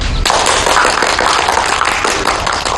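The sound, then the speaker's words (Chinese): An assembly breaks into applause all at once to approve a motion, a dense, loud wash of many hands clapping that holds steady for a few seconds with no voices over it. “大家要是没什么意见，请鼓掌通过。”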